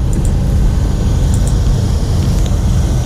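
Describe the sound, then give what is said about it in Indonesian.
A steady rumble of road traffic in a jam caused by road works taking up two lanes, on the left lane, on a Sunday morning, with engines droning and idling continuously and faint high clicks or squeaks now and then, with no one talking. “perbaikan jalan memakan dua lajur, tepatnya di lajur kiri. Macet nih.”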